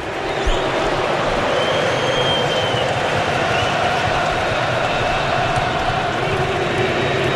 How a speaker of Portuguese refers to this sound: parado o jogo outra vez, canta o torcedor marroquino, que é a minoria no estádio, ouça em Houston, ouça!